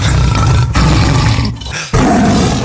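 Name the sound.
tiger roaring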